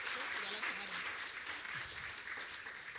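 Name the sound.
church audience applause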